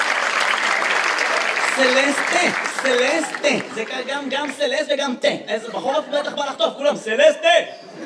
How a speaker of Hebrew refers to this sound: איפה כפיים לסלסטה, גבירותיי ורבותיי?